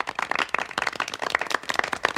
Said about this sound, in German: Danke, ein Applaus für euch, dass ihr auch dabei seid.